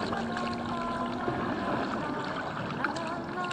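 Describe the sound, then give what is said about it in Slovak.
A gondola glides through canal water with a steady, continuous wash and gentle lapping, even in level, while faint sustained tones hover softly in the background. “Staraj sa o gondolu, aby nenarazila o breh.”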